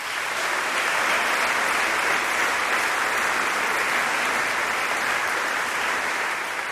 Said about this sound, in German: Einen großen Applaus für Tara Luise Wittwer und Dr. Katharina Wesselmann.